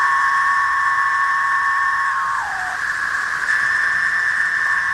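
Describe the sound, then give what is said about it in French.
A loud, continuous chorus of cicadas, millions emerging at almost the same time, drones as a steady buzzing wall of sound, with several sustained high-pitched tones layered together; one tone briefly slides downward midway before the chorus swells again. “Et des millions, parfois des milliards de cigales émergent presque en même temps. Imaginez l'embouteillage. Le bruit est si fort”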